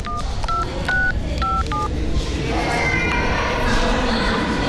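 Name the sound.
telephone keypad dialing tones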